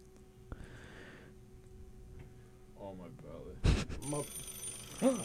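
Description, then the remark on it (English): A telephone rings once with an incoming call near the start, a short buzzy trill at moderate volume, followed by people talking and some clattering handling noises. “We got a call.”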